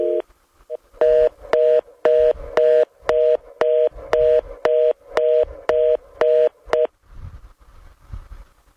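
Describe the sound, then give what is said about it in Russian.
A telephone line tone beeps in a steady rhythm, about a dozen short, evenly spaced mid-pitched pulses, loud and clear, then it stops and only a faint background hiss remains. “Я счастлив, что у нас гудит гудок.”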